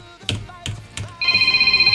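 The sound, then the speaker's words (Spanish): A telephone starts ringing with a high, rapidly pulsing electronic trill that holds steady and loud, preceded by three short, dull knocks. “A ver, contéstate la.”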